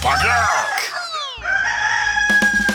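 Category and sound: bird, rooster crowing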